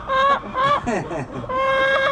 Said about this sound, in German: Weil wenn die Hühner Ruhe haben, dann legen die einfach mehr. Das hört man aber auch, wenn die Eier legen tun. Das hört man, ja.